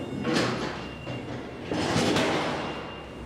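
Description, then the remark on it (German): A heavy insulated cold-room door to Room 3 of an old cold-storage warehouse, kept at minus 20 degrees, rumbles as it slides along its track, with two broad surges of grinding noise and a dull thud as it closes, no talking. “Und erst mal das Blech anlegen. So, und zuhalten.”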